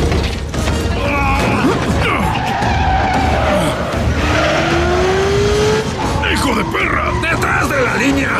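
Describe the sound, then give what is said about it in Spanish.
Bus tires screech and skid as the driver makes a sharp swerve and the passengers stagger, a loud, sustained squeal rising and bending over a heavy engine rumble and clattering mechanical noise, intense throughout. “El conductor hace un giro brusco y los pasajeros se tambalean.”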